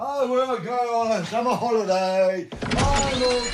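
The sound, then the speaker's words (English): A voice talks for a couple of seconds, then a door to the outside in Berlin opens and a burst of louder, noisier outside ambience floods in for the final second. “So, going to open the door to the outside world then,”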